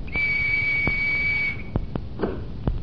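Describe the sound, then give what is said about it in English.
A single steady, high-pitched whistle blast holds for about a second and a half, followed by a few sharp mechanical clicks and knocks as a cottage door is opened by an electric mechanism that responds to the whistle. “Now I'm going to show you how a whistle can be a door key, too.”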